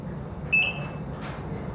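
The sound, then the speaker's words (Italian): A single high-pitched electronic beep from a hospital monitor, held for about half a second over a low background hiss, then fading away. No one speaks. “Ovviamente il finale si può intuire forse da quei beep”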